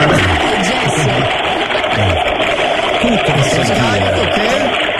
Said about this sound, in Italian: Questo cos'era? Adesso quando ho scaricato l'acqua.